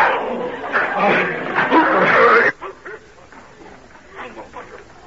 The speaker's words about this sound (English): What sort of a dog do you keep that he'll attack a perfect stranger in such a way?